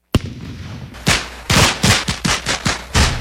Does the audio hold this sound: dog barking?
no